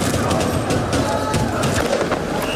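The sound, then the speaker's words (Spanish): A dense, steady roar of a Paris street crowd at night on 30 May, after Paris Saint-Germain won its second Champions League in Budapest: many overlapping voices forming a loud continuous din, punctuated by sharp bursts and clatters throughout. “Esto que escuchas es la noche parisina, la noche del 30 de mayo en el que el Paris Saint-Germain conseguía, a unos poquitos de kilómetros de distancia, en Budapest, su segunda Liga de Campeones, su segunda Champions.”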